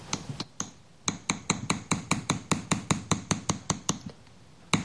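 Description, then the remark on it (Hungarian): A hammer taps metal in a quick, steady series of sharp, ringing strikes, smoothing the rough parts of a metal acanthus leaf cluster, fairly loud, with a short pause near the start and one final tap after a brief gap. “Úgyhogy most azt mutatnám meg, hogy a megfelelő eszköze ezt hogy lehet szépen elsimítani.”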